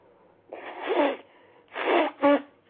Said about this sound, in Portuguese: Peraí que eu preciso assoar o nariz novamente. Desculpe, hein?